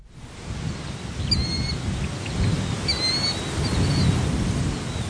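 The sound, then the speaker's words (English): Outdoor marsh ambience on a hot, muggy morning in a marshy area on the north side of Lincoln, Nebraska, with a steady buzzing hiss of insects and a low rumble, while a few birds chirp briefly. No one speaks. “It's a hot, muggy morning in a marshy area on the north side of town where a chorus of birds and bugs greets some human visitors.”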